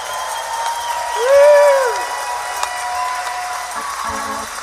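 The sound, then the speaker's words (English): A large audience at a live radio broadcast from the Capitol Theater on WWOV 101.1 FM, celebrating the 86th anniversary of the Wheeling Jamboree, applauds steadily, with scattered cheers and a loud whistle-like whoop rising and falling early on, the clapping holding at an even, moderately loud level throughout. “Folks, let our radio audience and those listening around the world that you're having a good time tonight.”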